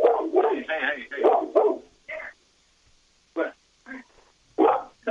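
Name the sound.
dogs barking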